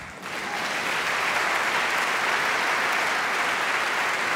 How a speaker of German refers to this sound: Applaus für den geilsten Chor der Welt.